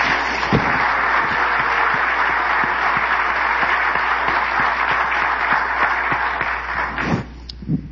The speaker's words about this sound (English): 1 month from today, we celebrate the 250th anniversary of the Declaration of Independence, and that deserves a round of applause from everyone here.